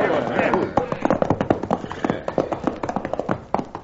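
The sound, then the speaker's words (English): Hooves of several ridden horses clip-clop in a quick, steady rhythm, fairly loud, then thin out and stop near the end as the riders rein up. A voice murmurs briefly at the start. “we're running these horses to death and getting no place.”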